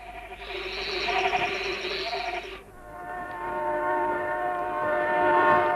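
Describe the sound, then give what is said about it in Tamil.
A train draws nearer: a broad rumbling roar with bright tonal whines gives way to steady, horn-like tones that swell gradually louder toward the end. “அடடே, ட்ரெயின் வருது.”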